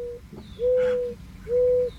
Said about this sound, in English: Bye-bye, morning dove.